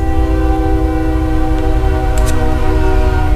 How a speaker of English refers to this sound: Train. Come on, ride the train.